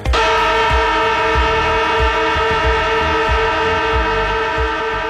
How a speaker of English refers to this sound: That is right. That is the AFL footy siren